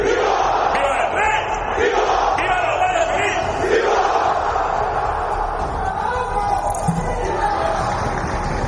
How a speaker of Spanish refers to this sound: ha estado marcado por los gritos de ¡Viva la UCO!, que varios asistentes han lanzado cuando se encontraban en la tribuna tanto el ministro del Interior, Fernando Grande Marlaska, como la directora general del cuerpo, Mercedes González. ¡Viva España!